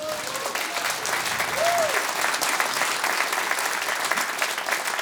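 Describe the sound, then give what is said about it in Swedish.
Steady, full applause from a crowd for a Hammond organ player fills the whole clip, a dense wash of clapping at an even loudness with a brief tonal whistle-like sweep partway through. “Varm applåd till …!”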